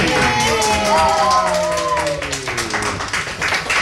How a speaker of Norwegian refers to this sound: Du herved nominert, du finalist til årets Donald-lærer. Jubel!